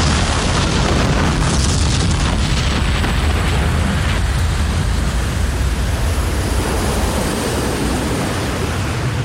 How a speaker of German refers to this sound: Schließlich riss das Schiff mit einem grellen Blitz auseinander und verschwand im leuchtenden Kugelball einer ohrenbetäubenden Explosion.